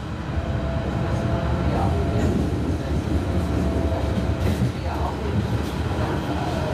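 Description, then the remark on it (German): An S-Bahn commuter train, the S3 to Halle an der Saale, Germany, rolls along steadily, its dense low rumble and rattling carriage noise filling the scene, with faint murmurs of passengers underneath. “Wir steigen aus der S3 nach Halle an der Saale aus und nehmen die Straßenbahn zur Peisnitzinsel.”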